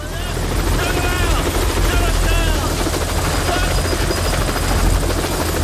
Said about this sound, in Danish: Og lige pludselig så lander der en helikopter og støver hele arbejdspladsen til.